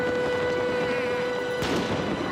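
A single sharp firework burst cracks out partway through, set against a dense, continuous wash of outdoor background noise with a steady high tone running underneath.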